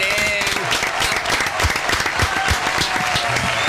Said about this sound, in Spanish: Señoras y señores... Con ahora sí. Nosotros, un ahora fuerte sí. Aplauso para recibir a Wada.